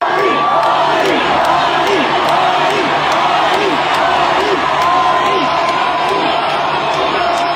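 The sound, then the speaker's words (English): A massive stadium crowd of about 100,000 fans in Michigan chants the name of the performer in unison during his set supporting another singer, a rhythmic, repeated call rising and falling over a constant roar of cheering, loud and continuous throughout. “100,000 fans chanting his name.”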